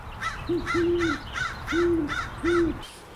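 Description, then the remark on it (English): An owl hoots four times in a steady, low rhythm, the middle note drawn out longer, with fainter higher-pitched bird calls mixed in and no voices. “Owls are not beloved by other birds, with reason.”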